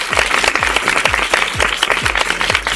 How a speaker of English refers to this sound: Really brilliant stuff there. And of course, if you did the actions at home, give yourselves a great big round of applause.